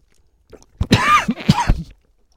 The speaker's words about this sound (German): Pardon, kleiner Hustenanfall.